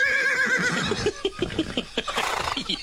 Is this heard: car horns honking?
no